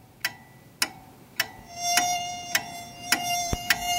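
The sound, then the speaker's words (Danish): Flies buzz in summer in a steady, thin whine that swells in partway through, with sharp ticking clicks repeating at a regular beat underneath. No one speaks. “Man får helt lyst til at klaske de der fluer.”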